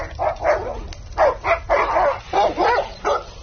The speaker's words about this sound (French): Mais soudain, un chien qui grogne en approchant vers vous.